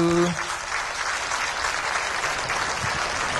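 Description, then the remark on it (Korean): A church gathering claps steadily after a group bow, a dense, even wash of many hands that stays loud throughout, with a brief low tone fading out at the very start. “박수.”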